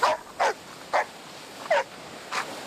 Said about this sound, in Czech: A mohl by tady u moře třeba i štěkat pes, prosím.